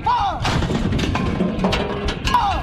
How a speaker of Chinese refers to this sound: 炮车出动，炮声隆隆，精准命中靶标。